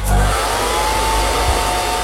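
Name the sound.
hair dryer blowing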